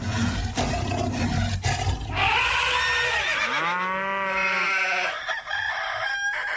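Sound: rooster crowing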